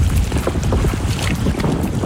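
Strong wind buffets the microphone in a constant low roar by the sea at Portorož, Slovenia, under mostly cloudy skies at a moment without rain, with steady rushing noise and gusty rumbling, no voices present.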